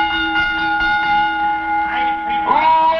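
A bell, rung to get the crowd's attention before an announcement, clangs several times in quick succession, loud, its bright metallic tone ringing on steadily between strikes, with no voices over it.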